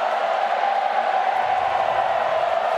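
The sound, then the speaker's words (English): A steady roar from a large stadium crowd of football fans, mostly Fremantle supporters, a dense wall of cheering and shouting that holds at a loud, constant level throughout without any distinct individual voices standing out. “We've got a nervous crowd now, not an excited crowd. It's Freo fans who are making a din.”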